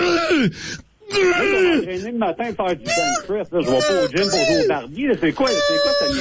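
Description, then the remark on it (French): A man lets out loud, strained groans and bellowing moans in quick succession while weightlifting on a bench press, each one sliding up and down in pitch, forceful like grunts of heavy exertion. “Si je vous disais qu'à cause de vos lamentations bestiales, monsieur, il y a 30 membres qui sont présentement en arrêt de travail suite à un choc post-traumatique, parce que ces gens-là arrêtent pas de réentendre en boucle vos cris dans leur tête.”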